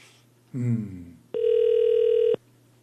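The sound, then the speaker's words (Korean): A brief voice is followed by a single loud, steady electronic ringback tone lasting about a second, a phone call to a listener ringing on the line with no one picking up. “아유, 전화를 안 받는다.”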